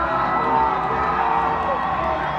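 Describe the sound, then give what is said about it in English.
A large crowd at a baseball stadium roars and cheers in response to the video board urging them to make some noise, a steady, dense wash of noise with scattered shouts and whoops rising from the mass, loud and sustained throughout. “The video board says, make some noise. Crowd responds.”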